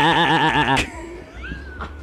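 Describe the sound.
A person imitates a sheep with a loud, nasal, wavering bleat lasting under a second, followed by quieter room noise and faint background sounds.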